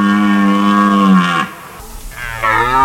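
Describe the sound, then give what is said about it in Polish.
Red deer stags bellow during the rut: one long, deep, loud roar that drops away, a brief rough pause, then a second bellow starting up. No voices. “Rykowisko jeleni to także sygnał zmian w przyrodzie.”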